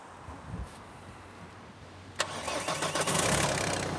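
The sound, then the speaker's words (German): A car engine cranks briefly after a jump start and then catches, settling into a steady, rumbling idle with a slightly rough, rising roar. “Mit zweien geht's. Hört sich gut an.”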